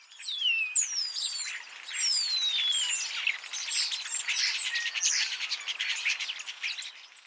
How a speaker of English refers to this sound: some birds actually in the non-breeding season when they're singing, and a lot of these are social birds, things like European starlings. Ooh, let's hear a starling.